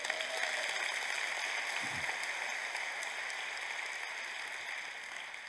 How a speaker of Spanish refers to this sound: Ahora sí, dame un aplauso.